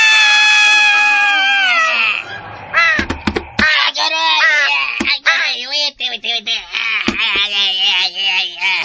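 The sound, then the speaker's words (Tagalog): A huge crow caws loudly and harshly, a long drawn-out cry followed by a rapid series of raspy, wavering caws with brief gaps, no talking underneath. “Maigo ang higanting uwak.”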